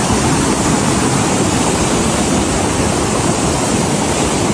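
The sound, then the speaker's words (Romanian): A loud, steady roar of rushing floodwater fills the whole recording, a dense continuous torrent with no pauses and no voices; a flash flood caused by a cloudburst in the Bucegi Mountains, the water reaching a mountain resort. “Atenție, foarte mare, s-au format torenți, flow torențial.”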